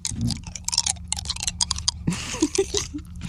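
Crunchy chewing of something hard and nutty, with irregular bursts of crackling bites and wet mouth sounds filling the whole stretch.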